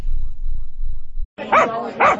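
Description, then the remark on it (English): A dog barks twice, loud, each bark a sharp, tonal yelp about half a second apart, following a brief stretch of low rumbling background noise, in an ad for Bark Bar and Grill in Little Rock. “And yes, lots of wagging tails. Welcome to Bark Bar and Grill”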